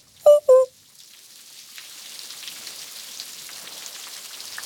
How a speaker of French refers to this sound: Il pleut. Il pleut. Il pleut. Il pleut. Impossible de mettre le nez dehors. Le ciel est gris, tellement gris.